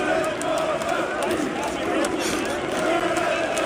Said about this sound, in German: Und auch die Fans hatten ganz offensichtlich Spaß und haben gesungen. Na, was singen die da?